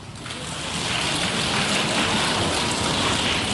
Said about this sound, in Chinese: 你看，底下有鼓掌的了，已经。